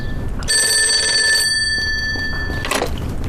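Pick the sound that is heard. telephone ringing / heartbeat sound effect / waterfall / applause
telephone ringing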